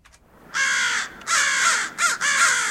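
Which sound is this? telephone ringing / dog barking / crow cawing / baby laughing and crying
crow cawing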